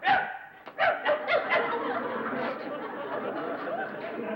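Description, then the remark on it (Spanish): A person imitates a dog, letting out about five quick, yappy barks in a row, then the sound gives way to a steady murmur of voices talking. “Hasta de perro eres feo.”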